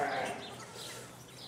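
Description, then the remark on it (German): A sheep held in a headlock for blood sampling to test for disease in Germany lets out a short, strained bleat that fades quickly, leaving a faint outdoor rustle in the background. “Das erste Schaf schon im Schwitzkasten.”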